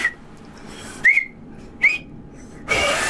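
Two short, breathy attempts to whistle with two thumbs in the mouth, each a brief shrill squeak with air hiss, followed by a longer airy, spluttering blow that barely forms a tone.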